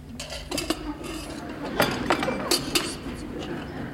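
Cups and cutlery clink sharply several times at irregular intervals as coffee is served, with a low background hum and faint murmuring underneath.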